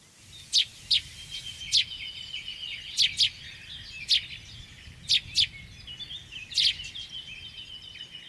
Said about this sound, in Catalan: N'hi ha dos, el que sona més en primer pla. El primer pla, si no fes aquella repetició, em recordava un pardal. És un pardal, sí, senyor.